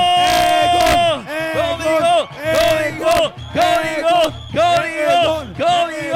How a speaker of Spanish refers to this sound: Venga, vamos, amigos, hay que gritarle bien fuerte a los amigos de Código para que le echen ganas. ¡La porra de Código!